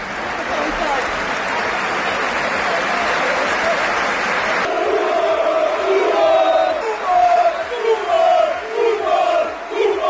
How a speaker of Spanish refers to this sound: Aplausos de toda la grada, gritos de Koeman Koeman, una gran pancarta, apoyo para la familia Koeman. El chaval empezó aplaudiendo primero cuando la fotografía de la madre apareció en los videomarcadores, pero después rompió a llorar, claro.